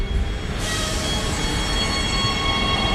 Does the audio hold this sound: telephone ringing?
no